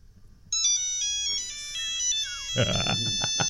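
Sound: mobile phone ringtone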